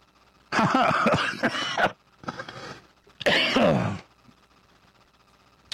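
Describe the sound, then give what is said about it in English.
A harsh bout of coughing and throat clearing in three raspy bursts, the first and last loudest, with brief pauses between them and quiet afterward; the cough is caused by pollen in Austin, not a cold. “Half the crew has this weird cough.”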